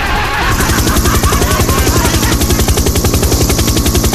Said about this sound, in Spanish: Ahí va el helicóptero, ahí va, mira la señora, ahí va. Va pasando, va pasando.